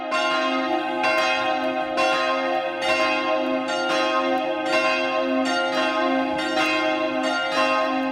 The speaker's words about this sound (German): Die große Versöhnungsglocke in C wiegt 288 Kilogramm und trägt die Inschrift: Lasset euch versöhnen mit Gott. Das Mittagsläuten aus Passau.